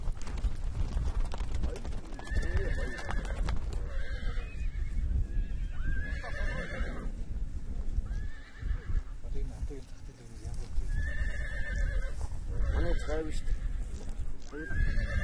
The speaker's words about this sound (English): The nomads plan to choose a horse to be trained today. The horse has to be trained to be used as a steed. The orga has to be stretched and looped over the horse's head swiftly. They have chosen a strong horse, about 3 years old.